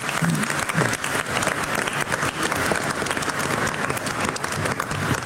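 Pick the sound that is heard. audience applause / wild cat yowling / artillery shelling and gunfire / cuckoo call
audience applause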